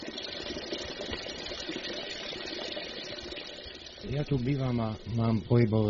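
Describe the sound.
Water from a healing spring at the Spa Afrodite in Rajecké Teplice pours in a steady splashing rush for several seconds, then someone starts talking over the continuing flow.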